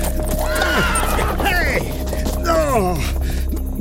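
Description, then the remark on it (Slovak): Horses whinny loudly several times in rising and falling cries as they run away, afraid to go further, over a steady low rumble and background commotion, with no clear speech. “Kone utekajú. Boja sa ísť ďalej.”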